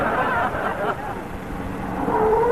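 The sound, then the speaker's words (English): A car engine rumbles as it pulls in and stops at a ranch, with a brief high squeal of brakes at the very end. “Say, Costello, who's that getting out of that car?”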